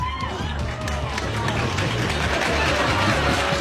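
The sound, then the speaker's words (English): An audience applauds in a steady, dense wash of clapping that holds at an even loudness for several seconds, with a murmur of crowd voices mixed underneath. “They applaud.”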